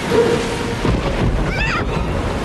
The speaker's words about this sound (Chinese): 这种小暴风雨吓不到我咔嚓船长的。也许这小暴风雨一点儿也不小，我们找个地方躲一躲。